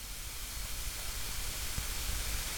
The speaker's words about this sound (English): It's a very quiet start. And I think, can I hear rain? I think I can. Now it's gone away.